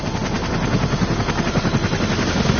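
Two white helicopters land in a clearing: loud rotors thump in a fast, steady beat over a dense roar of engine noise, filling the whole stretch without any voices.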